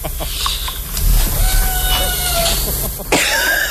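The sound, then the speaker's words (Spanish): A cat gives a long, wavering meow midway through, followed by a shorter cry near the end, heard over a steady background hum with no one talking. “Sí, oímos que maulla, maricón.”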